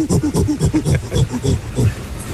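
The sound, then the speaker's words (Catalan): A person imitates a gorilla with a run of rapid, rhythmic low grunting hoots, about a dozen quick pulses in a steady pattern, loud and without any talking over them. “Apa, tenim el goril·la també,”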